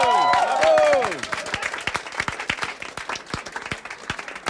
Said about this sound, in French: Je pense qu'on peut applaudir les participants à ce jeu.